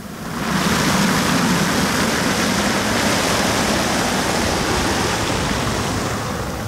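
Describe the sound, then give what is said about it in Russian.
A steady rush of falling and splashing water from a fountain sculpture by Vadim Kosmachev, a giant rotating sphere made of metal and water. The sound fades in within the first half-second, then pours on continuously at an even, fairly loud level with no voices. “Она сделана из металла и из воды. Это гигантский шар вращающийся.”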